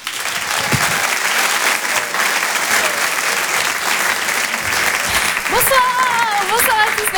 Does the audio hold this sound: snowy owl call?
no